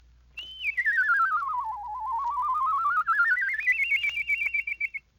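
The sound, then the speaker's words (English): A single continuous whistle, demonstrated in a whistling lesson, glides down to a low pitch, then slowly climbs back up high, with a rapid, even warble running through the whole tone. Loud and alone, no talking. “With this lesson learned, you can whistle songs and even imitate birds.”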